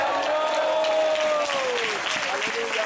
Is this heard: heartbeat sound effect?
no